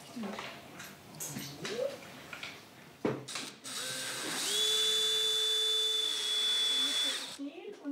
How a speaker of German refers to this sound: Bohren war auf 2. Mach schnell noch mal oben rum. Und dann kannst du einfach rausziehen. Einfach bohren und wieder rausziehen.